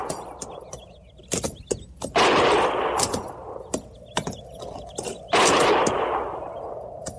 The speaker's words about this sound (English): Didn't sound like no regular shooting.